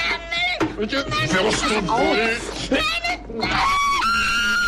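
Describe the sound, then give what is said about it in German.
A child's piercing, high-pitched scream that shatters glass, from a scene of Günter Grass's masterwork, rings out in long sustained bursts, loud, with agitated voices and commotion tangled around it. “Ja, der Schrei, der Glas zerspringen lässt, das Meisterwerk von Günter Grass fasziniert ja bis heute.”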